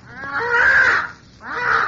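A parrot squawks twice, loud: a long, harsh, raspy call followed after a brief pause by a shorter one, with no talking.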